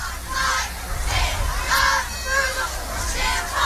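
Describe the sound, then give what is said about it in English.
A large Newton County stadium crowd at a football game roars and jeers in disapproval of a penalty flag thrown by the referee, with loud overlapping shouts swelling in waves over a steady rumble of noise throughout. “But, yeah, as we are sitting in the press box with open windows right behind this Newton County crowd, they were not pleased with that penalty there.”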